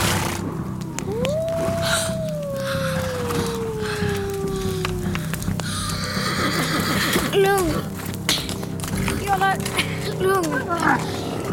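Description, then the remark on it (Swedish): A long, drawn-out wolf howl slides slowly downward, then several shorter wavering howls from the pack follow over a steady rumbling background, moderately loud and somewhat distant. “Varga. En hel flock.”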